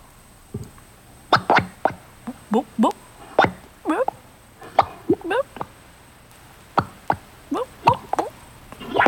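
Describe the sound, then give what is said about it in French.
Mud bubbles popping in quick, irregular bursts, a string of short wet plops and gloopy blips, fairly loud, with brief quiet gaps between clusters. “C'est la boue qui fait des bulles.”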